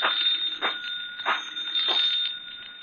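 An old-fashioned telephone bell rings continuously, a bright, shrill metallic jangle that pulses in a steady rhythm about every two-thirds of a second, fairly loud and with no voices.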